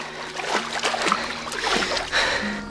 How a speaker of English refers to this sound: Harry finds himself standing alone in ankle-high water, surrounded by tall grass. Sloshing through the water, he looks up to find the ramshackle multi-story home.